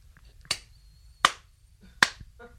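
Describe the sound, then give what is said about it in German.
Three sharp hand claps land at an even, unhurried pace, each one crisp with a quick decay, keeping a steady beat as a groove for singing, with no voices in between. “Also da musst du aber klatschen, dann brauche ich den Groove, ja.”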